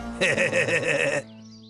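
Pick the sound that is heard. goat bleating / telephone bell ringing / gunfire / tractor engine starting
goat bleating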